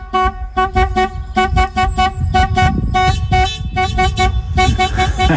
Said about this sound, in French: Sympa ce petit coup de klaxon pour nous réveiller en plein milieu de la matinée.